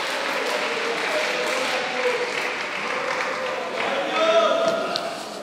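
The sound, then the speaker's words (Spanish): A large audience claps steadily in a sustained round of applause, with scattered voices and shouts rising through it near the end. “Siempre digo, en vez de aplaudir, levanta la mano y alaba a Dios.”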